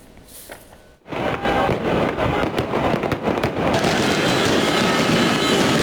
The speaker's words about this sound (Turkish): Şırnak'ta Ahmet Sportif Faaliyetler'in galibiyeti havai fişeklerle kutlandı. Atılan havai fişekler 3 iş yeriyle bir araçta yangın çıkardı.